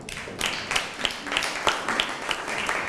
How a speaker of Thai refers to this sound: เยี่ยมครับปรบมือครับ